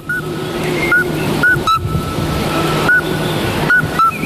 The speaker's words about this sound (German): Das Geräusch tönt zwar bald mehr nach einem Vogel, der zwitschert, genau so ruft aber der Glöckli-Frösch. Ein Geräusch, das man in der Natur nur noch selten hört.